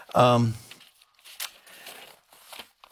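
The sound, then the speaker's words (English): A brief voiced sound opens, then soft, scattered rustles and crinkles of a paper handout being shuffled and handled, with a sharper crackle in the middle. “Well, look at the look at the paper I gave you.”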